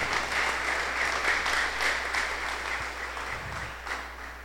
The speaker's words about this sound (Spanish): Bueno, madre, un fuerte aplauso a Papá Dios que nos congrega en este domingo.